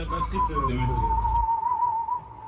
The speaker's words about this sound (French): Et là, sur ce morceau-là, il y avait ce sifflement qui était vraiment chouette. Donc voilà, je savais que j'allais le garder un peu de côté et que ça allait devenir un sifflement emblématique pour l'album.